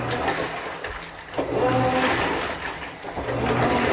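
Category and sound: household object, washing machine running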